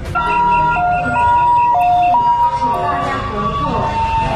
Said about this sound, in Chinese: 救护车来了！哇，那个人潮，那个人潮，看有没有办法马上散开。